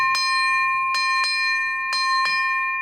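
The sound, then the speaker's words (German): A bright, high-pitched bell rings five times: one strike, then two quick pairs. Each clang leaves a steady metallic ring that sustains throughout, with no voices. “Dann nehme ich die Glock und schlug einmal an.”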